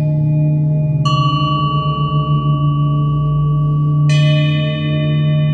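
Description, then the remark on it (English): Two bright bell strikes, about three seconds apart, each ringing out with long shimmering overtones above a steady, loud low-pitched mechanical drone of roadworks drilling outside. “But is it chance that these bells, these notes, should harmonize with the outside drilling?”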